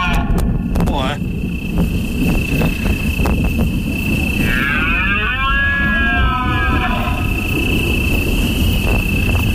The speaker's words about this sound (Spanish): tronando abajo el bramido de los ciervos.